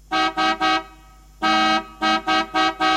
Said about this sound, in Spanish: Lo único que sé es tocar la bocina. Escuchá. Se quedó trabada.